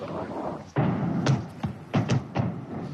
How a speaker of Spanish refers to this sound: ¿Has oído las explosiones? Sí, justo ahí. El polígono se encuentra justo detrás de esa colina.